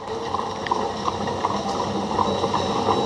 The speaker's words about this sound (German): Das die erste Straßenbahn? Die erste Straßenbahn, ganz genau. Oh, ja. Also 72, der erste schienengebundene öffentliche Personennahverkehr in Leipzig. Das war damals die Leipziger Pferdestraßenbahn, also Straßenbahn gezogen von 2 PS.